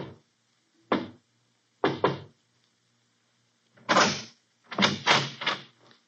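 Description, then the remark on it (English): A man knocks softly on a door on a deserted cobblestone street somewhere in Europe in the early evening, the knocks coming in small irregular groups: a single rap, a quick double, another single, then a cluster of three or four, all fairly quiet with silence between. “He pauses, looks behind him, then knocks quietly on a door.”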